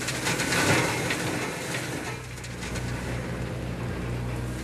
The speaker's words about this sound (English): Christ, now turn that machine up or else it doesn't take that hedge out, for God's sake.